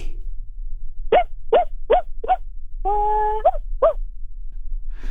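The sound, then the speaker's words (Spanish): A person imitates their small dog Paco barking: four quick, high yapping barks, a drawn-out whining howl, then two more short barks, with no other talking. “¿Estás listo para interpretar a tu perro?”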